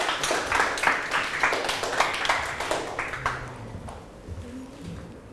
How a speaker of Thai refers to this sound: ปรบมือให้เพื่อนกลุ่ม3หน่อยครับ